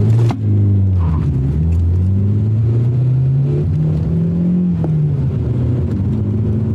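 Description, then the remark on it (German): A car engine revs loudly, its pitch climbing steadily as the vehicle accelerates away, with a brief clunk near the start and no voices. “fahr den Wagen vor.”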